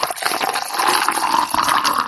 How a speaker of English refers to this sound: But maybe the sound of pouring an ice-cold glass of orange juice comes close.